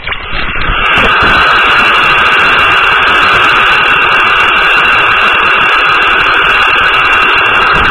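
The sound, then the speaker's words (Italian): Loud, steady radio static hiss on an air-traffic radio frequency monitored toward Iraq around the start of bombing operations, a dense unbroken crackle of noise that briefly sounds narrower at the start before opening up. No voices come through. “Per cui è interessante rimanere su questa frequenza e sentire il traffico aereo e le comunicazioni radio proprio in concomitanza, diciamo, dell'inizio dell'operazione di bombardamento, per esempio.”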